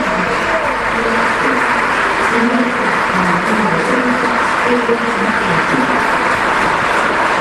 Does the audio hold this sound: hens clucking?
no